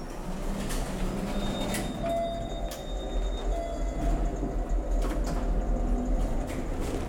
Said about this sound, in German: You can take this elevator.